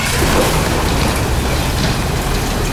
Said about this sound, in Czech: Ještě zhruba před půl rokem to byla poslední šachta v Česku, ve které se dobývalo černé uhlí. Teď už se podzemí definitivně uzavírá. Zasypává se první ze čtyř jam a hlušina padá dolů do téměř kilometrové hloubky.